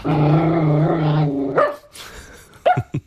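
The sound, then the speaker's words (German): A female rescue dog from an animal shelter in Bensheim, barking on request, lets out a long, drawn-out whining howl, then gives a few short, sharp barks, with brief pauses between them. “So, einmal bellen bitte.”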